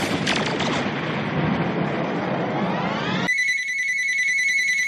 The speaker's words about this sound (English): Lord have mercy, that bat phone is ringing again.